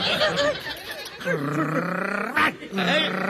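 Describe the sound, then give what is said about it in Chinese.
A man's voice imitates a snarling dog as if biting, letting out loud, drawn-out growls and a sharp snapping burst, with a second growl trailing off at the end. “哎，怎么咬人呢？ 你逗我，我还不咬你啊？ 你不是说你是狗吗？”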